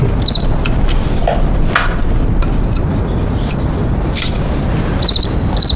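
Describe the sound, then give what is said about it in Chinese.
A cricket chirps twice, once near the start and again near the end, each a quick trill of a few pulses. A steady low background rumble runs underneath. “哎，蛐蛐，哎，来来来，我看看。”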